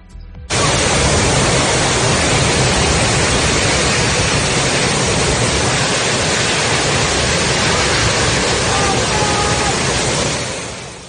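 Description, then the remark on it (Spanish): A storm with intense rain, strong wind gusts and hail hitting Aarau in the Swiss canton of Aargau on a Friday makes a loud, dense, hissing roar that starts abruptly and holds steady for about ten seconds before easing slightly at the end. No voices. “esta fuerte tormenta con lluvias intensas, fuertes ráfagas de viento y granizo golpeó a Aarau, en la localidad suiza de Argovia, este viernes.”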